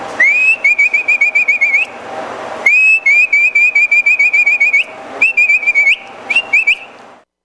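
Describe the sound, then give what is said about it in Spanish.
A loud human herding whistle used to drive pack animals: shrill, rapidly trilling bursts on a high pitch, repeated in four or five runs with brief pauses, with no talking. “Ese era el otro silbido. Por ejemplo, el de bestias, uno picaba los atajos y empezaba.”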